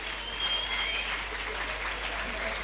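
A crowd at an evening concert applauds steadily, a dense wash of many hands clapping at an even, fairly loud level for a few seconds, with a faint whistle briefly rising above it.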